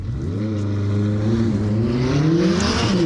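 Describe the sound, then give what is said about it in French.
A McLaren 600LT Spider accelerates hard on a timed lap, its engine note a dense stack of harmonics that climbs steadily in pitch, loud and continuous throughout with no talking. “Et je vais tenter de vous expliquer la 600 LT Spider de McLaren.”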